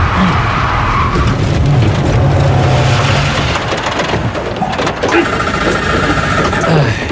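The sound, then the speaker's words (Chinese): A car stuck in a mud pit on a rainy, uphill mountain road: its engine revs hard and steadily while the wheels spin and whine without grip, a loud, continuous churning that rises into a sustained high-pitched spinning tone near the end. “哎呀，车子还陷在泥坑里了。”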